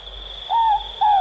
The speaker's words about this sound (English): When Robert Taylor started at the NZBC, the predecessor of RNZ, in the early 70s, he worked on the all-night program and wanted the sound of a ruru, or morepork, to play to his night owl listeners.